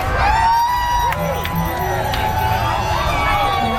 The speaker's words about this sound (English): The Prime Minister was welcomed with cheers from the crowds. This was Toronto's 45th annual Pride event, billing itself as the second largest celebration of the 2S LGBTQ plus community in the world.